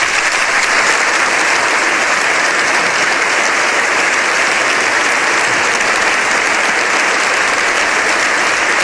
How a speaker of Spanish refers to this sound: Una comitiva que avanzaba hacia sede parlamentaria, y entonces ahí es donde, una vez que entraba en el Congreso de los Diputados, era recibido de esta manera, con estos aplausos.